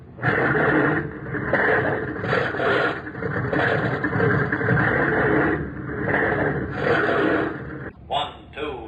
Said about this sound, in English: Stand by to start engines. Stand clear of propellers. Stand clear. Hurry. All clear. All clear. Start your engines. Turn them over.